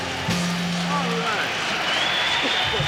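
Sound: concert audience applause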